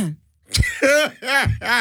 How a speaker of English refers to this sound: Let me clear my throat.